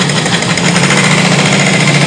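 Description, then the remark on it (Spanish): Loud, steady mechanical roar of road construction work by Fonatur on the Costera Miguel Alemán in Acapulco, Mexico, a dense engine rumble with rapid rattling pulses like a jackhammer, continuous and unbroken with no voices. “Las obras que realiza el Fondo Nacional de Fomento al Turismo Fonatur en la costera Miguel Alemán causan molestia entre automovilistas y peatones, ya que generan tráfico, polvo y ruido en pleno periodo vacacional.”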